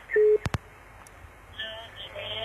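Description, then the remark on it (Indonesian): A telephone line connecting tone as a caller is put on the line of the LDR call-in show: a short steady beep, followed by two sharp clicks and then a low, hissy open-line murmur. “Oke, kalau begitu di line telepon.”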